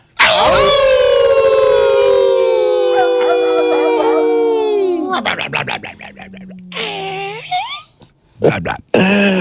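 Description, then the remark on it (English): Several people howl together like a wolf pack on a count of three, a loud, sustained howl about five seconds long that slowly sags in pitch, then breaks into shorter scattered yelps and whoops. “Let's go to one of our favorites because we always bring him in with respect, thusly, like we're supposed to when it comes to the Mighty Wolf in Virginia, and we do that all together in 3, 2, 1.”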